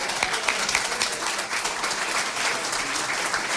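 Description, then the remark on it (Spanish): Steady applause from a crowd, many hands clapping densely and evenly for several seconds at a fairly loud, constant level, with no voices standing out. “Sí, vamos al cielo, tengo que aplaudirlo.”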